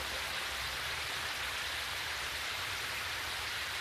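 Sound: rain falling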